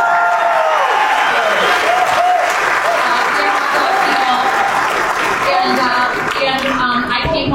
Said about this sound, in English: My family was in the hot dog business. And if you are good Midwesterners, please freaking clap for the hot dog.